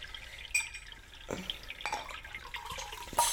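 Water pours and splashes into a glass for a drink, with bright little drips and gurgles over a few seconds, fairly quiet and with no voices.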